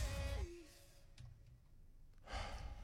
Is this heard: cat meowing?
no